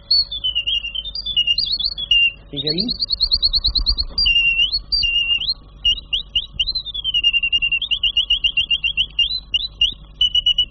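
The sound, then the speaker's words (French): A mechanical toy bird from America, about forty years old, sings continuously in high, shrill warbling trills and rapid repeated chirps, steady, while a voice briefly speaks over it near the start. “Un jour, à Noël, Lord Divine m'a envoyé un petit oiseau mécanique que je vous ai apporté, que je vais vous faire entendre.”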